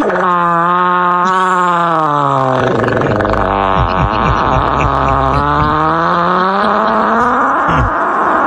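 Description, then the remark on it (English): A long, loud recorded fart buzzes and sputters for several seconds, its pitch sliding up and down through rumbling, groaning stretches, with no voices over it. “So here's one of the more popular farts we've played on this show.”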